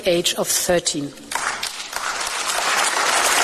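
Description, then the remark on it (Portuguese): A brief spoken voice gives way to applause from a parliament for European Commission President Ursula von der Leyen as she proposes banning social media for children under 13, a dense wash of clapping that swells and stays loud and steady to the end. “A presidente da Comissão Europeia, Ursula von der Leyen, foi aplaudida pelo parlamento ao propor a proibição de redes sociais para menores de 13 anos.”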